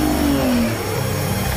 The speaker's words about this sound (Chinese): 让你们尝一下我新买的小玩具——超级无人机！